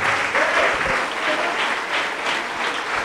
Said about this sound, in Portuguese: Vamos aplaudir ao nome de Jesus.